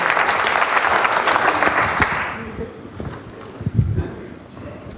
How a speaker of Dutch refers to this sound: Dan mag ik u van harte feliciteren, alle drie. En u krijgt applaus.